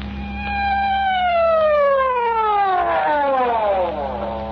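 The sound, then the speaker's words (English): A loud emergency siren wails and slides steadily downward in pitch, a second wail overlapping near the end, over a constant low engine hum. No one speaks. “Well, why the siren?”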